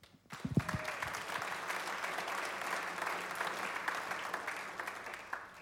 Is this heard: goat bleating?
no